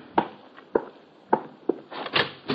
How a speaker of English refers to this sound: It's almost 11 that night when there's a rap on my door.